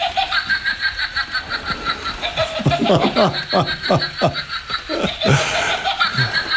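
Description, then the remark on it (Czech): A witch's cackle of the kind made by a battery-powered witch figurine hanging beside a curtain: a rapid run of high, wavering laugh bursts that swoop downward, fairly loud over a steady background hum. “A je to postavička čarodějnice, ano. Která vydává takovéto zvuky.”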